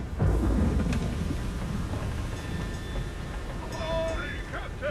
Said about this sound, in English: Is this storm going to break us? Oh, not at all, sir. We've been making good time. She's a fine vessel, sir. Just a storm is all. She'll pass right through it eventually. Rough waves, though.